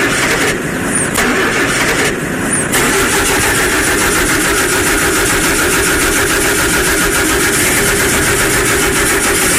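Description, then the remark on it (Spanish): A carbureted car engine with a flooded carburetor cranks loudly, churning roughly and continuously as it struggles to start, with two brief dips near the beginning and no voices. “el carro ya está que prende”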